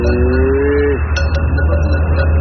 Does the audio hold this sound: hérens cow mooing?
yes